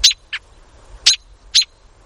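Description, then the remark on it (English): An adult American robin gives a series of sharp, high alarm calls, sounded when its young are threatened, such as by a cat: four short piercing notes at uneven intervals against a quiet background, with no one speaking. “Adult robins sound this alarm when their young are threatened, like by a cat.”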